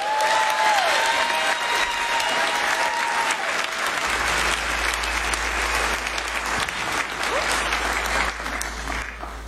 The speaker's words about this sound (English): You guys clapping real loud for St. Albans out there.